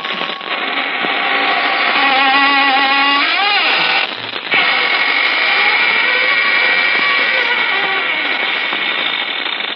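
The squeaking door of the Inner Sanctum mystery show swings open with a long, loud, drawn-out creak that wavers and bends in pitch, groaning continuously for nearly ten seconds with only a brief catch midway. No one speaks.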